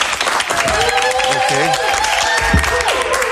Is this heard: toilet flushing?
no